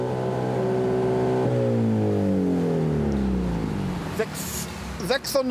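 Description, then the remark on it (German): A loud car exhaust, its flap opened with a confiscated remote control for a new measurement, holds a steady revving drone, then the engine pitch sinks gradually as it winds down, ending with a few brief clattering noises. “Mit der beschlagnahmten Fernbedienung öffnet Gregor Lesnik die Auspuffklappe”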